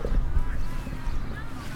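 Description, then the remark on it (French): A small boat's engine drones at a slow, steady pace, its low rumble fairly loud throughout, with some wind and water noise around it. “Après, faut reconnaître que leur petit bateau, il risque pas d'être pris en excès de vitesse. C'est clair. Un peu moins de bruit, mais bon.”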